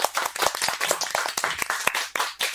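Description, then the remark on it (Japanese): A small group claps their hands in quick, uneven bursts of sharp, crisp slaps. The applause is lively and fairly loud, with no voices over it. “はい、楽しみです。拍手。”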